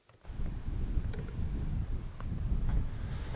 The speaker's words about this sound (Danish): Ja, det blæser jo lidt herude ved Vesterhavet. Eller Skagerrak er det måske i virkeligheden, når vi er heroppe. Det er vi ikke så langt fra Hirtshals, Bjergby Kirke. Flaget vejer og står stift over og peger mod øst, fordi vinden kommer susende ind